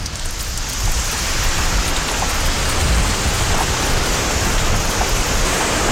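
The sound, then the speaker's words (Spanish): Water drips and patters from fog nets at the edge of the desert in Morocco in the evening, as clouds pass through the nets without rain, in a dense, steady stream of drops blending into a continuous rain-like hiss that stays even throughout, with no voices. “Y entonces aparece el agua, gota a gota, sin lluvia.”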